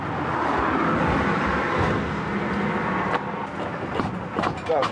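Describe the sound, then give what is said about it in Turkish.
A failing car wheel bearing, likely worn out, with parts come loose while driving in a convoy, gives a steady, loud rumbling growl over continuous road noise, with a few sharp knocks and rattles breaking through toward the end. “Evet, duyduğum ses bu. Muhtemelen tekerlek yatağı pert oldu.”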